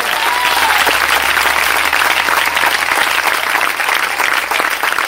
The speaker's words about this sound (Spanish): Aleluya, dale fuerte ese aplauso hacia para él.